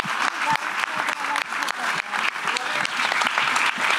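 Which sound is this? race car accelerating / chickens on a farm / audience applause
audience applause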